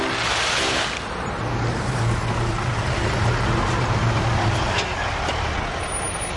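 A truck engine rumbles steadily as the vehicle drives up, its low drone sustained throughout with a brief hiss near the start, like air brakes releasing.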